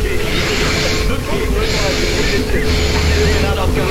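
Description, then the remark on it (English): A continuous run of recorded breaths edited together with the gaps removed, each a loud, airy rasping hiss rising and falling in a steady rhythm, with faint squeaky whistling tones on top. “Have a listen to all the breaths smooshed together.”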